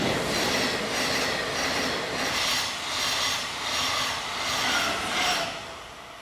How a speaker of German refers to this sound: Dass der Zug auf der Teststrecke genau nach seinen Anweisungen fährt, das gefällt dem Eisenbahnfreund Matthias Meh besonders.